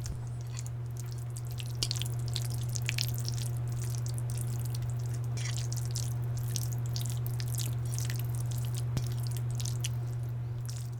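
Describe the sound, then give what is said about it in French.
Thick chicken tikka masala sauce being stirred in a pot, with soft wet squelches and irregular sticky clicks over a steady low hum, no voices. “C'est un poulet tikka masala dont on remue la sauce.”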